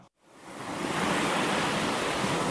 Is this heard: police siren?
no